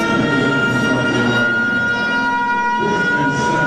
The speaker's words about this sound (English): And that is one loud siren, let me tell you. They got that thing cranked up.